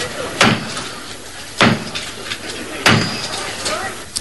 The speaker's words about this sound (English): A rather more formal salute was made to the new Archbishop of Canterbury, Dr. Robert Runcie. His enthronement started with the traditional knock at the door of Canterbury Cathedral.